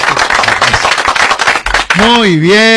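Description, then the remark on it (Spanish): An applause sound effect played on request: a burst of dense, crackling applause with rapid overlapping claps, loud for about two seconds, then cut off by a wavering, sliding high tone that rises and falls. “Poné ese aplauso, líder.”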